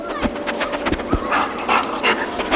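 A sniffer dog sniffs excitedly in quick, rapid bursts of breathy snuffling and panting, a busy run of short sharp inhales with no talking over it.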